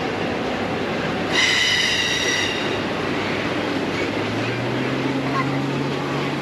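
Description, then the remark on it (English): A railroad train in Winnipeg rumbles steadily, with a sharp, high-pitched wheel squeal rising over the noise for about a second before fading back into the continuous clatter and a low droning hum. “I think that's a railroad.”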